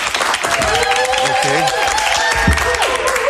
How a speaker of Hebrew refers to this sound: תעשו לי כפיים שאני ארגיש שיש פה קהל כאילו.